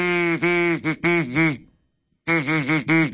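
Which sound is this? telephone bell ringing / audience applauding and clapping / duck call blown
duck call blown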